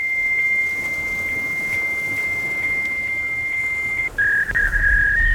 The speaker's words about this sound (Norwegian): Nei, jeg kan ikke det, Torbjørn, men lekkere smekker Emma faksmaskinen her. Hun vil gjerne synge bursdagssangen til deg.